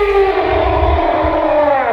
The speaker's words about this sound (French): Le loup.